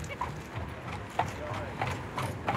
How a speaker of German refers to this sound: Ja, hallo! Oh, Mensch, was für tolle Pferde!